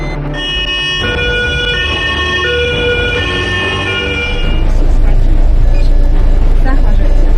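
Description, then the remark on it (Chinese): An ambulance siren sounds loud, cycling between steady tones for several seconds before fading into a broad rush of road noise, with a voice speaking over it; the ambulance is carrying several sick children through the night on a 300 km transfer to a hospital in Jinan, China. “一路上，救护车上的几个孩子状况不断，医生们只能不停地用复苏面罩给他们进行人工呼吸。”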